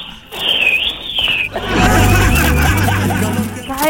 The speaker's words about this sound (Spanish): De pronto aparece mucho viento. Más viento.